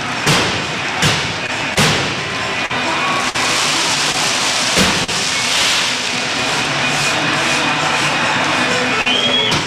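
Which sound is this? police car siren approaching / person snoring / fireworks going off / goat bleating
fireworks going off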